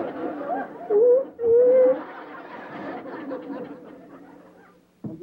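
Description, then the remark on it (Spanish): Two loud, wavering whimpers rise, followed by softer sobbing, murmuring vocal sounds that gradually fade, then a brief abrupt noise at the very end. “¿Por qué estás llorando?”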